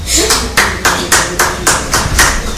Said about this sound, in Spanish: Ahora vamos a cambiar de dinámica. Le vamos a pedir solo a la compañera de Radio Colomba que nos regale un aplauso.